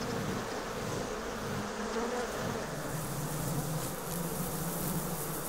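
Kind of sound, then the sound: insect, honeybees buzzing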